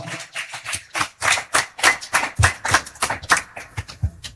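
An audience applauds, a crowd of hands clapping in dense, crackling bursts that swell and dip for several seconds at a steady, fairly loud level, with no voices.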